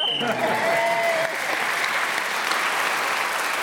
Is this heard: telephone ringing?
no